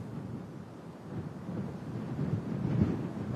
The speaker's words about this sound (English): Yes, and as you can see, you joined us here on a windy balcony in the west of Kabul, just overlooking the site where the Taliban have been holding their official celebration today